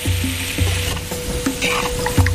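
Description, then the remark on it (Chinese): Pieces of one-year-old free-range chicken stir-frying in a wok for a traditional Jino dish: a steady hiss of sizzling oil with repeated clanks and scrapes of the spatula tossing the meat, no voices. “选取一年生土鸡，切块后下锅翻炒”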